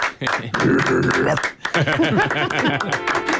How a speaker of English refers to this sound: Incredible stuff. Round of applause.